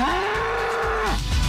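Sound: cow mooing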